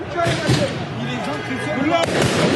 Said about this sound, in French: Quelques minutes après le coup de sifflet final, des policiers sont ciblés par des tirs de mortier.